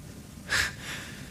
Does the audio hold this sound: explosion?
no